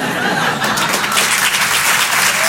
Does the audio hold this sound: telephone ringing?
no